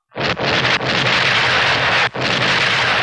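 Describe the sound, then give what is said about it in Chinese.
A chain of video game mine explosions merges into one loud, continuous rumbling roar, with a few brief dips marking separate blasts. No one speaks. “好，锤子躲上连环雷了。”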